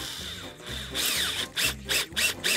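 A cordless drill drives screws, one on the left and one on the right, to fasten a handle at the top, in short, repeated bursts of whirring, each with a steady low motor hum and a bright grinding rasp, separated by brief pauses. No one speaks.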